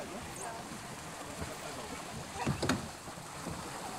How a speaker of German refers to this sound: Nach und nach trudeln die Boote wieder ein.